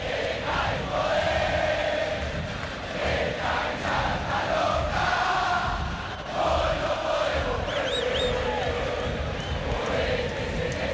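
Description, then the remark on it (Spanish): Boca supporters in a large football stadium chant "Movete" in unison during a match, a loud sustained roar with rhythmic swells and a few brief whistles cutting through near the end. “Movete, Zenaíce, movete, grita la gente de Boca.”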